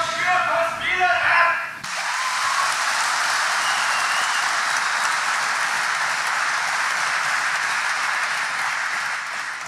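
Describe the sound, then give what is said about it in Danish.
A voice speaks briefly, then the audience at a public meeting on nitrogen emissions breaks into loud, sustained applause and cheering after a spectator questions where the nitrogen discharge comes from, carrying on steadily for several seconds. “Det gik da også meget godt, lige indtil en tilskuer betvivlede, hvor kvælstofudledningen overhovedet kommer fra, til stor jubel for de andre.”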